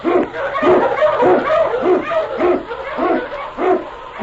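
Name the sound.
husky sled dogs barking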